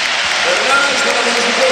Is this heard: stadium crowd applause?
yes